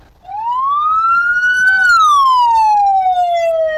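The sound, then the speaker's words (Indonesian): An ambulance siren sounds loudly, one long tone sweeping up in pitch, holding briefly, then gliding slowly back down, with faint road rumble underneath and no talking. “Nah, ternyata setiap suara sirene memiliki makna sesuai tugas yang dilakukan ambulan pada saat itu.”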